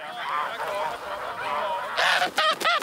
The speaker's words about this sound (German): Als wir dann losgegangen sind und die Gänse so ein bisschen getrieben hatten, ist schnell eine ganz zurückgefallen.